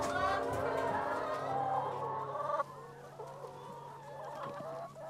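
Several laying hens, still not finished laying eggs at midday, cluck and cackle continuously in a busy overlapping chorus, with a low steady hum underneath and no talking.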